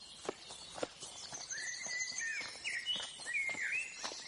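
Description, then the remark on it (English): Birds chirp and twitter in quick, repeated bursts over a low background, with a few sharp clopping taps scattered near the start. No one speaks. “Look at that. Lions, elephants, birds.”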